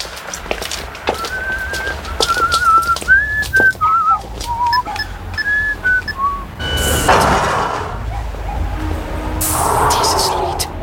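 A man whistles a tune, a clear rising and falling melody for several seconds, over steady footsteps on pavement; afterward, louder whooshing street noise sweeps past twice.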